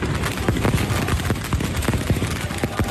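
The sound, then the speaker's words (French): Rapid bursts of firecrackers and fireworks crackle and pop in dense, irregular volleys, loud and continuous with sharper bangs standing out, set off through the night in Istanbul by Galatasaray supporters at the Barça team hotel to keep the players from sleeping. “Une fois les qu'on a pétards, repéré les feux d'artifice.”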